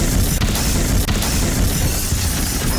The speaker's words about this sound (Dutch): Op de Claudius Prinsenlaan zijn drie auto's op elkaar gebotst. Daar hebben we opnames van. Ja hoor, let op.